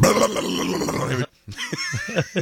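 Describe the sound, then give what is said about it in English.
A voice imitates an old car being started in the morning: a rough, raspy, noisy grinding, a brief pause, then a string of choppy coughing, sputtering bursts with wavering pitch. “He would do his like horrible coughing, dying vehicle sound of the morning.”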